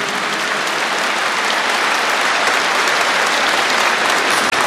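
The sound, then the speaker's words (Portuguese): A church audience at a Sunday service applauds their families and marriages, a dense, sustained wash of many hands clapping at a loud, even level throughout, with no voices standing out. “e aplauda a sua família e o seu casamento.”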